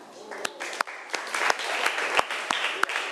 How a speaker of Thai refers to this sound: นักเรียนต้นทางและนักเรียนปลายทางคะมีตัวแทนนักเรียนละค่ะขอเสียงปรบมือให้กับเพื่อนหน่อยค่ะ